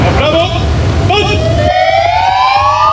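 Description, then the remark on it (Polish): Several police car sirens wail together, loud, their rising tones overlapping in a continuous chorus, with a rumble of traffic or crowd noise underneath that drops away partway through; police in Poland sound their patrol car sirens in front of their headquarters in tribute to a fallen officer during his funeral. “Włączamy sygnały świetlne, dźwiękowe naszych radiowozów, stajemy w postawie zasadniczej i salutujemy, oddając cześć poległemu policjantowi.”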